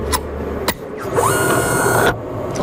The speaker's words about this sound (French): Le projectile est entré dans la machine et la petite porte s'est refermée derrière. Là.